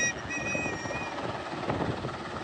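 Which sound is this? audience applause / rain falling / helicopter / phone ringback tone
helicopter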